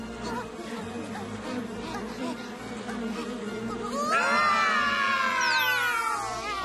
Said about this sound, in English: Suddenly, they hear a strange noise. Buzz, buzz. Ah! Bees! Run away! Buzz, buzz. The bees buzz.